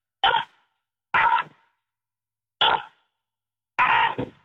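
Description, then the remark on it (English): A person imitates a crow, giving four harsh, raspy caws, each about half a second long, separated by uneven silent gaps. The cawing is fairly loud, with no other voices or sounds. “A bat showed up when you did that crow call you just did?”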